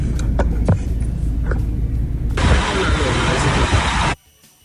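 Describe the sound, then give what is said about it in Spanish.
An overloaded dump truck drives out of an earth-extraction project site with heavy equipment, with a deep, steady engine rumble and a few sharp clanks, then a loud, harsh roar of rushing noise before the sound cuts off abruptly. “estimo que este es el proyecto donde están haciendo, ahí se ven los equipos pesados, la extracción de tierra, ¿no? Y desde donde están saliendo a hacer el desorden que hacen en la sobrecarga de los camiones.”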